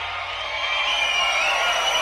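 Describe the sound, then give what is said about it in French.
The virtual crowd in the video game Guitar Hero cheers in a steady, continuous roar, a bright, hissy wash of massed voices that holds at an even level for the whole moment, with no one speaking over it. “T'entends la foule vidéo?”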